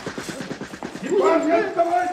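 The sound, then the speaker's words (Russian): A rapid string of sharp gunshots cracks out in a firefight as soldiers led by Pavlov dash forward under fire, then whining, wavering tones of bullets whizzing by sweep over continued firing, loud throughout the short burst. “Бросок, другой, и пули пощелкивали уже где-то сзади.”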